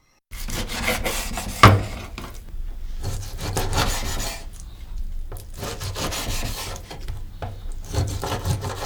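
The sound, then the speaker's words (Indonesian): A knife dices chicken into 3 cm cubes on a cutting board, skin side down, with steady scraping, sawing strokes and soft thuds, one sharper knock early on. No one speaks. “Akan lebih mudah memotong daging ayam kalau kita meletakkan sisi bagian kulitnya di atas talenan.”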